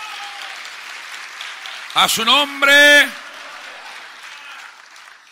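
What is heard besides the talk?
audience applause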